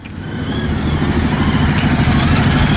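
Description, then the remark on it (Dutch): About 25 motorcycles rumble in at Neeltje Jans, arriving at the site of a memorial to Dien before its unveiling: a dense, continuous engine roar that swells steadily louder as they approach, with overlapping low revving and no voices. “Het is een indrukwekkend gezicht hoe zo'n 25 motoren hier aankomen op de plek waar het monumentje van Dien staat en straks wordt onthuld.”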